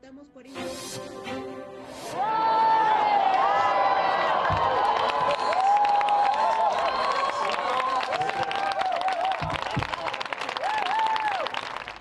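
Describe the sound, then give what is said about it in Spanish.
A crowd bursts into sustained applause and cheering, with dense clapping and excited shouts and whoops rising over it, staying loud for about ten seconds after a brief quieter start. The crowd is celebrating a total solar eclipse in Western Europe, the first there in 27 years. “Con aplausos se celebran porque por primera vez en 27 años Europa Occidental vivió un eclipse solar total.”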